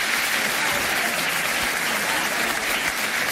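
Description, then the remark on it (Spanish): A large audience applauds steadily, a dense, continuous wash of many hands clapping at full volume throughout, with no voices standing out. This is the first ovation of Florentino's speech, when he refers to the Negreira case. “Primera ovación del discurso florentino cuando se refiere al caso Negreira.”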